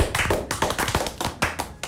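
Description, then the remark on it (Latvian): A brief burst of applause for a child who answered quiz questions correctly in a Sunday school contest, a few pairs of hands clapping in quick, uneven succession, fairly loud, with no voices over it. “Tu esi nopelnījusi uz balviņu. Nāc tai pakaļ aplausi.”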